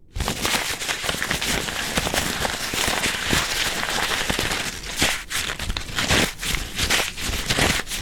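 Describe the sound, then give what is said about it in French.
Handmade paper is crumpled steadily for about eight seconds, a dense, dry crackling and rustling with sharper crisp snaps scattered throughout, fairly loud and with no voices. “Et maintenant, si on le froisse?”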